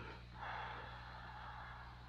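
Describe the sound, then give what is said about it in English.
A creature's heavy, rasping breath swells and then drags on as a long, hoarse exhalation, fairly quiet, over a steady low electrical hum with no voices. “It's breathing.”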